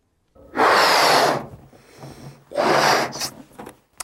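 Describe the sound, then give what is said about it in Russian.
Two long, deep breaths as a deep-breathing exercise, a strong airy inhale-exhale followed by a pause and another full breath, loud and breathy with no talking. “Глубокое дыхание.”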